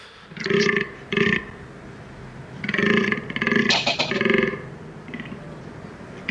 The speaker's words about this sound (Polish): I październik to jest czas, kiedy zaczyna się bekowisko, a nazwa tego okresu godowego u tego gatunku pochodzi od właśnie głosu, który wydają, który przypomina trochę takie bekanie.